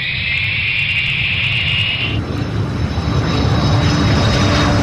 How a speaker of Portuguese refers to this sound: A fé é o ponto inicial. É como a partida de um avião.